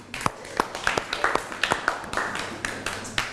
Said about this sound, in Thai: ต่อมาค่ะกลุ่มที่6ค่ะตัวแทนนักเรียนพร้อมไหมคะถ้าพร้อมแล้วขอเสียงปรบมือให้เพื่อนหน่อยค่ะ